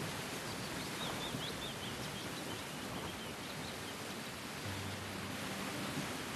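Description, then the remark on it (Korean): Faint, high bird chirps flicker through the first few seconds over a steady, dense rustle of bamboo leaves and wind in a bamboo grove that fills the whole scene; no one speaks. “대나무 잎이 막 이렇게 눈꽃처럼 날리는 그런 광경하고 그 새소리, 그 새소리를 들으면서 이게 너무 좋은데”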